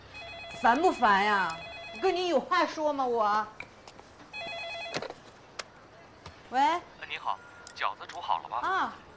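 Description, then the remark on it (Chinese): A mobile phone rings with steady, high electronic tones in repeated bursts, while a woman talks over it with rising, animated speech. The incoming call is a customer ordering dumplings. “肯定是你爸，打我手机我不接，还打电你来。”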